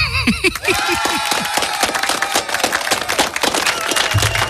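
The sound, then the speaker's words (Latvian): A crowd bursts into loud, steady applause, dense clapping that carries on for several seconds, with a few whistles and cheers rising at the very start. “Aplausi spermilādēm.”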